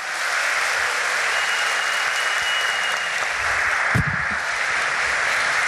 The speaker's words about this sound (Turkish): Buzdan olabildiğince kuvvetli bir alkış rica edebilir miyiz?